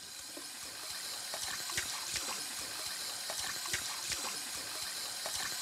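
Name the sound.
water running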